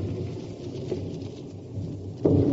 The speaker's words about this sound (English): Very seasonable thunder of guns up at the mountains where the Austrians were.